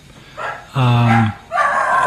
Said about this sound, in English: Is that your dogs? Nope.